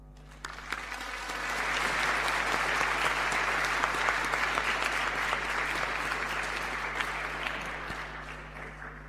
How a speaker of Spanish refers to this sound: Le damos un aplauso.